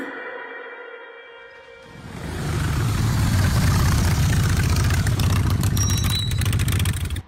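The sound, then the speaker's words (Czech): A bus engine hums steadily at idle, then swells into a loud, deep rumble as the bus pulls away, leaving a passenger behind, holding heavy before cutting off abruptly. “Ujel mi autobus.”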